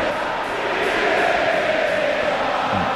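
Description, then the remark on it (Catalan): A dense stadium crowd at Mestalla shouts continuously, a loud, broad roar of many voices with a faint rising chant tone running through it, steady for the whole three seconds. “I ara crits per Peter Betella, un clàssic.”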